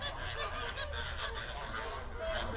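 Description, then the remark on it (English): A large flock of flamingos honks continuously, many overlapping goose-like calls blending into a dense, steady chorus at moderate volume, with no pauses and no clear individual voice standing out. “Lake Nakuru, Lake Bogoria, and Lake Magadi are the primary habitats for flamingos.”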